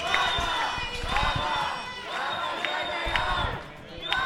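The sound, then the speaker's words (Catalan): A loud crowd of dozens of protesters, gathered in the rain on Carrer Marina at Passatge Bofill, chants "Vaga general!" (general strike) in unison, voices rising in repeated rhythmic bursts, with shouts and cheering mixed into a dense wall of sound. “Eren els crits dels manifestants.”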